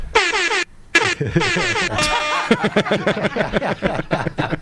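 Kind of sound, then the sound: sound effect, air horn sound effect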